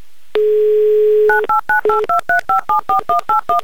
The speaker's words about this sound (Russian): Звоним в Челябинск, плюс 2 часа там, соответственно, 12:17, гудки пошли, песочные часы перевернуты